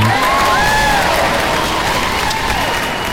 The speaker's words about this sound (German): Heute, 12. Mai, ist internationaler Tag der Pflegenden und da ist an dieser Stelle jetzt zuerst mal ein Applaus fällig.